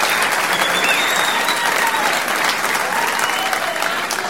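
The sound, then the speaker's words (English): Sustained applause from a sizable crowd, a dense, steady wash of clapping that stays loud and even for several seconds, with faint voices mixed into the noise. “Thank you. What a nice crowd.”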